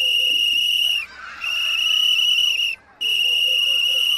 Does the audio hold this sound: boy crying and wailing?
no